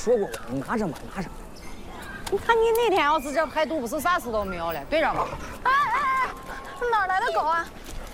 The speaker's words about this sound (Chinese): 哎哎哎，哪来的狗啊？